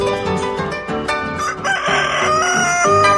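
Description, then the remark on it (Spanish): A rooster crows loudly, its drawn-out cock-a-doodle-doo rising over a dense, busy backdrop of other sound with no one speaking. “O sea que mi gallo está flaco, che.”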